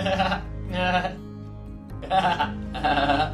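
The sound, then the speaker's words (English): A person imitates a goat with four wavering, nasal bleats in quick succession, fairly loud, with short pauses between them and no other talking. “Once upon a time, a mother hen and her chicks lived at the edge of a big field with their friends duck, quack quack, cat, meow, and goat.”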